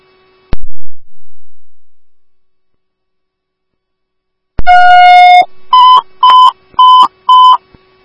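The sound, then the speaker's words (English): Ambulance dispatch pager alert tones for Woodbury Ambulance 4, paging an ALS bleed call at 5317 Long Point Pass: a click, then a long steady tone followed by four short, evenly spaced higher beeps, loud and clear over a faint background hum, with no talking. “Woodbury Ambulance 4, Woodbury 4, AF, hear your tones for 5317 Long Point Pass for an ALS bleed time of page 1535.”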